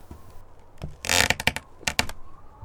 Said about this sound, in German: Ui, ui, hat es da draußen vor ihrem Zimmer gerade geknarzt?